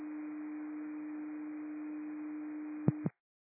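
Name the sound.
radio dispatch alert tones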